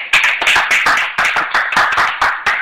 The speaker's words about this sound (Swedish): Bra! Applåder!